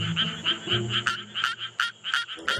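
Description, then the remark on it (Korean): A Suwon tree frog calls with a steady series of sharp, rapid, metallic notes, roughly three per second, clear over a low background murmur. “근데 수원청개구리 보면 좀 네.”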